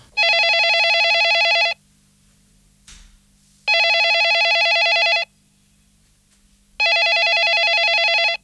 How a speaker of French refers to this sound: C'est-à-dire, je dormais et le téléphone sonnait dans mon rêve.